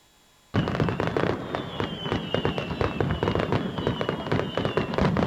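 Fireworks burst in a dense, rapid barrage of loud bangs and crackles after a brief moment of silence, with a thin descending whistle threading through the continuous popping.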